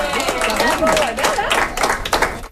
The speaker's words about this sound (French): On applaudit